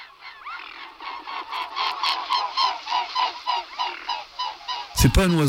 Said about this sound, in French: un oiseau, un anatidé, un cousin des canards, c'est le cygne tuberculé.